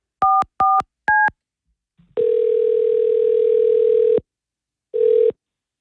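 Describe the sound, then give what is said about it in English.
Three quick dual-tone keypad beeps dial a phone as K92 radio hosts call a listener who has won a free gas giveaway, followed by a long steady ringing tone, a brief pause, and the start of a second ring. No one speaks. “It's now, it's time to call that person for $1,000.”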